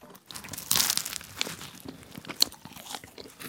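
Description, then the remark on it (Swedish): Flaky crunching and wet munching as someone bites into and chews a chocolate croissant, a burst of crisp crackles early on, then steady chewing with soft crinkles. “Förutom det här ljudet av mig när jag smaskar in en croissant med choklad i,”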